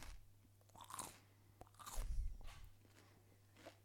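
Close-up crunching of celery being bitten and chewed right at the microphone, a series of crisp, wet snaps with the loudest burst midway, and no talking.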